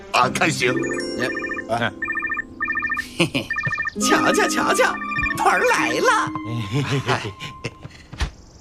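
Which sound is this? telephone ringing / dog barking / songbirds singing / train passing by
telephone ringing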